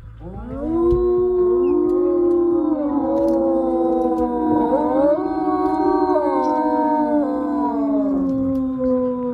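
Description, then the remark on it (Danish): Several wolves in Denmark howl together in a sustained, overlapping chorus, long wavering tones rising and falling in pitch, loud and continuous for the whole stretch with no talking. “I dag, der er vi jo ude i Ulveland, og det handler jo altså om lyden, og for nogen også frygten for dem her.”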